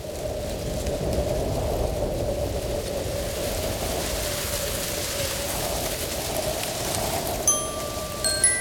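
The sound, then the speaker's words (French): Wind rushes steadily through the trees of a wood, a continuous broad rustling hiss that holds an even level throughout, with a few faint high chirps near the end and no voices. “Il écoute le vent dans les arbres.”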